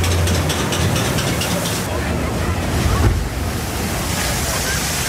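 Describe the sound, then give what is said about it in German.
A loud, steady rush of churning water and wind buffeting the microphone, with a heavier splash swelling around the middle as a fairground water-ride boat plunges down a descent, and faint indistinct voices beneath. “Oh, ganz schön nass geworden im Boot bei den beiden Abfahrten.”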